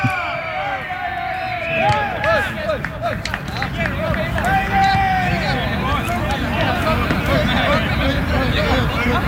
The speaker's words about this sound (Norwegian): Det bobler av glede når verdens beste spiss setter ballen i mål. Og når seieren på trening er sikret, så jubles det sånn.